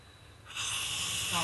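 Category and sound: human body sound, man snoring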